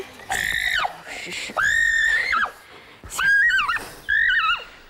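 A horse neighs four times in quick succession, each loud, high whinny wavering and trembling in pitch before dropping off, with short pauses between the calls.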